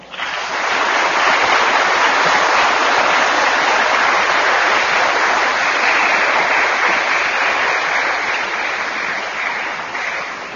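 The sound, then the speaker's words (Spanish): A large crowd applauds mothers after a blessing during a church service, steadily for about ten seconds, a dense, even, reverberant wash of clapping, starting abruptly and tapering slightly at the end with no talking. “Vamos a bendecir a las mamás en el nombre del Padre, y del Hijo, y del Espíritu Santo, y a darles un fuerte aplauso.”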